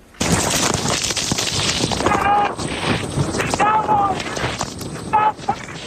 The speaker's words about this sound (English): And you can hear the fierce winds there drowning out meteorologist Reed Timmer as he tried to report on the storm.